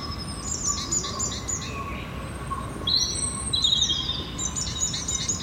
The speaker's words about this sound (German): Wie schön die Vögel zwitschern.